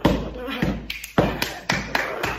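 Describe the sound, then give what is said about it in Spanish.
A steady series of about six solid thumps, spaced roughly half a second apart, mimicking footsteps going up a staircase. “Subo las escaleras para arriba, así.”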